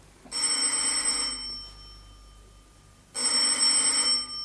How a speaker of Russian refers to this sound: Кто это? Отец звонит.